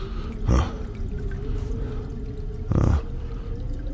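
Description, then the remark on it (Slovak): Water drips from a leaking toilet cistern, an annoying flush in an old house, two distinct drops splashing a couple of seconds apart over a steady low hum, fairly quiet. “Asi by bolo lepšie ten otravný splachovač, starú strechu, aj tchory, aj myši, aj všetko predať a voľačo za to.”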